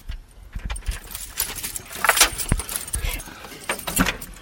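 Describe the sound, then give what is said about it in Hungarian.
Keys jangle and scrape in a series of metallic clinks and clunks as the parish priest turns a heavy lock and works open the large iron door of the Romanesque single-nave White Mary Chapel in the middle of a forest, with faint voices in the background. “Nagy vasajtót. Tessék, parancsolj. Megnyitja a plébános úr, és oldalról lépünk be a Fehér kápolna belső terébe.”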